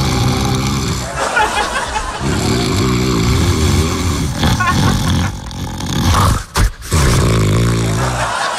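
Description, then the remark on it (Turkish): A man snores loudly with a harsh, rumbling, throaty rasp that drones on almost continuously, broken by a brief gasping pause near the end before the heavy snoring resumes. “Bu horlamadır.”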